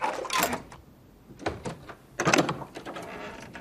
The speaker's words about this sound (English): pulls off the padlock, raises the latch, and pushes open the door.